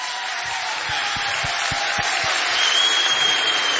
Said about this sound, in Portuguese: Mais um forte aplauso.